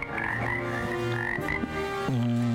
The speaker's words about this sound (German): Mit oder ohne Frösche? Mit Fröschen wahrscheinlich. Ja, da hören wir sie ja schon.